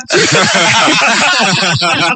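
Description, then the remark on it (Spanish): A loud, steady hiss runs for about two seconds without a break, rough and breathy with a voiced edge, like a person imitating gas escaping. “Llegó el gas.”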